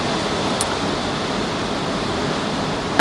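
A steady, dense hiss of rain with strong wind rushing over it, holding even throughout, with a brief sharp crackle early and a louder gust-like burst at the very end. No voices.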